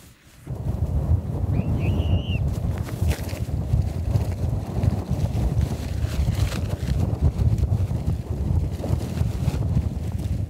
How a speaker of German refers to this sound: Hier weht einfach alles weg, man kann kein Zelt aufbauen. Mein Anhalterschild ist mir auch gerade weggeweht.